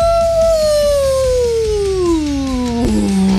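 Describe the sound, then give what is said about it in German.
A single long wolf howl, loud, sliding steadily downward in pitch over about three seconds before settling into a low tail. No talking accompanies it. “So machen Wölfe und Werwölfe, wenn Vollmond ist.”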